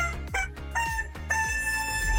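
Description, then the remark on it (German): A squeezed rubber toy chicken squawks out a short tune of a hit song, its shrill, honking notes stepping up and down in pitch, loud with no talking. “Das verrückte Huhn hat aber nicht Guten Morgen gekräht, sondern einen Hit aus dem besten Mix gequetscht.”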